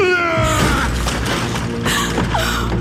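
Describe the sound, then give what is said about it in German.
A door is forced open: heavy thuds and splintering crashes, loud, with creaking wood and rattling metal, then a final burst as it gives way. No one speaks. “Ich breche die Türe auf. Treten Sie zurück!”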